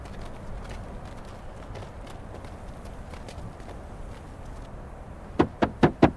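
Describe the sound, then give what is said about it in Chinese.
Four sharp, evenly spaced, loud knocks on a door ring out near the end as a mother knocks asking to be let in, following several seconds of low, steady background noise. “玲儿啊，妈来了，给妈开门啊”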